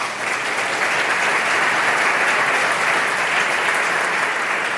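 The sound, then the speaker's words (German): A live audience at a Europe forum talk applauds steadily throughout, a dense, sustained wash of many hands clapping at once with no voices standing out, at the opening of the event. “Herrlich mit Publikum. Schön, dass Sie alle da sind.”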